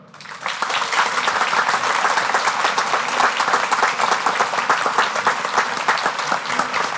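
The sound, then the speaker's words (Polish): A pilgrimage crowd in a park in Nowe Brzesko applauds in thanks to the local authorities, the parish priest and the hosts, a dense wash of many hands clapping that rises quickly and holds at an even, loud level throughout, with no voices standing out. “Nasza wdzięczność to takie brawa.”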